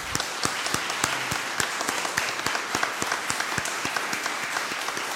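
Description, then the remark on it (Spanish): A crowd applauds the catechists standing up, many hands clapping in a dense, even wash with sharper individual claps popping out in a loose rhythm throughout, at a moderate level with no talking. “Hermanos, aplausos a todos ellos.”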